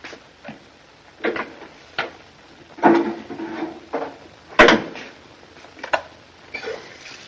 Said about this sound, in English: He goes and gets a bottle. Get a couple of glasses, will you?